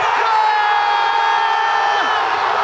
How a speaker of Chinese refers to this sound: 仅仅六分钟后，巴拉圭队的一记乌龙球让球迷们陷入了狂喜之中。